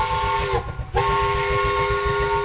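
A loud, sustained whistle from a 1950s-era steam locomotive on a museum train, with steady harmonic tones, briefly dipping before sounding again, over a rhythmic low chugging rumble of the engine.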